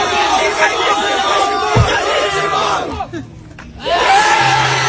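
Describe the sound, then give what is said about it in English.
A loud crowd yells and cheers together in a dense, continuous roar of voices, yelling "kiss your mom," briefly dipping about three seconds in before surging back up. “Yes, they're yelling, kiss your mom, kiss your mom.”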